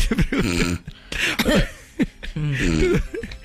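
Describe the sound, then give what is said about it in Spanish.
A voice makes a few rough coughs and throat-clearing noises in quick, uneven bursts, voiced and gravelly, with no other talk around them. “Ronca y tose un poquito cuando se da cuenta.”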